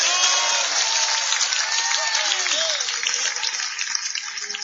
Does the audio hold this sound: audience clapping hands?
yes